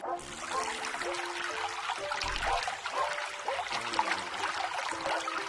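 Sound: flowing water trickling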